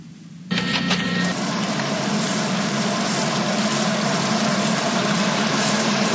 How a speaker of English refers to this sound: Hey, the grass needs watering. I better turn on the sprinklers.